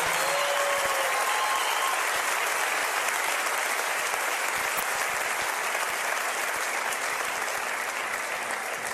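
A crowd applauds steadily and loudly for several seconds, a dense wash of clapping hands that holds an even level throughout, with a brief faint whistle near the start.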